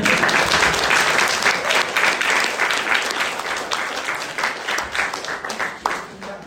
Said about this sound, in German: Übrigens, mein Betreuer, bitte Applaus.